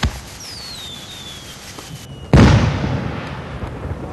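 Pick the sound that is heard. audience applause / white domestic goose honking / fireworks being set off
fireworks being set off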